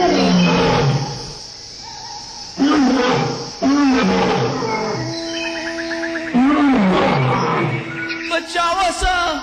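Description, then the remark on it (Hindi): A lion caught in a net roars loudly several times in quick succession as it tries to escape, each deep, rumbling bellow rising and fading against a steady background hum. “अपन प्राण बचावे खातिर उस जोर जोर से दहाड़ेला।”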